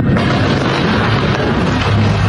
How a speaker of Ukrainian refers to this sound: Тривоги, вибухи, безсонні ночі. Ми вкотре прокидаємось від гучних прильотів.